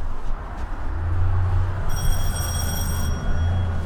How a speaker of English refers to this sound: We greet people always right at the door in the entryway. We have that very loud bell in case this is not an expected visit from someone. And it is a very simple entryway with a little sitting area.